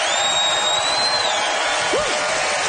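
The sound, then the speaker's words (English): An audience claps in a steady, dense wash of applause as a vote for a contestant, with a thin high whistle running through it and a short rising whoop near the end. “So by applause, who just lit up listening to John make candle appreciation everybody's beeswax, John Steinberg.”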